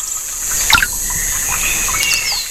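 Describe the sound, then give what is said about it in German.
Quiet outdoor ambience in the Rostocker Heide in Germany, at a bench by the water, with a steady wash of trickling water broken by scattered high bird chirps and calls, with no one talking. “wir sitzen hier in der Rostocker Heide auf einer schönen Bank, nah am Wasser.”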